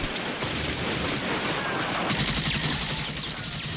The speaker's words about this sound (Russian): Пули свистели у меня над головой.